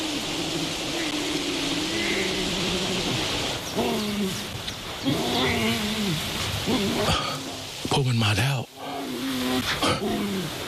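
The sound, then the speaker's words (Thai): Bear cubs, outside their enclosure fence for the first time, call out in a series of bleating, moaning cries, rising and falling over a steady wash of outdoor noise, with a person whispering between calls. “เขาอยากให้เรากระซิบเพื่อลูกหมีจะได้ไม่คุ้นเคยกับเสียงมนุษย์พวกมันอยู่ที่ไหนสักแห่งผมได้ยินมันแต่ยังไม่เห็นครับ”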